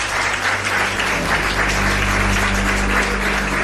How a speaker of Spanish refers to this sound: Pido un aplauso para ellos dos, nuestros primeros invitados.